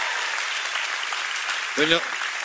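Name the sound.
audience applause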